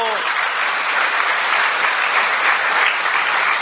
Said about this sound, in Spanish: ¡Espárense todas las catequistas! ¡Démosles un aplauso!